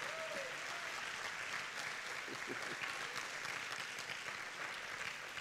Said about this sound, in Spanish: Si ese aplauso es para Jesús, tiene que ser más fuerte.